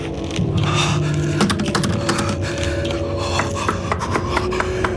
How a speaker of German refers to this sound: Es hieß Kisolova und bestand aus einigen verstreut stehenden Holzhäusern slawischen Stils und einem auf einer Anhöhe postierten kleinen Kloster. Erschöpft und frierend klopfte ich an einem der Häuser.